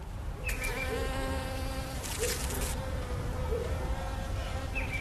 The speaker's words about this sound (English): And then in my backyard, I have another hive as well. This is really where I sit and watch my bees, because a big part of it is also watching the bees, seeing what they do.